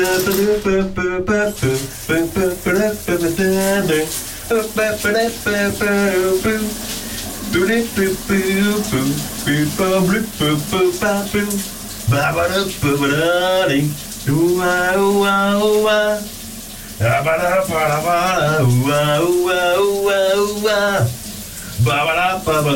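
A shower runs in the morning with a steady, hissing spray throughout while a man sings a melody over it, his voice loud and continuous with only brief pauses.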